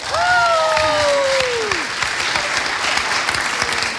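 A small group claps steadily for about four seconds, with a high gliding whoop riding over the start before the clapping carries on alone at an even, fairly loud level.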